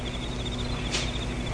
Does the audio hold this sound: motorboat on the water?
no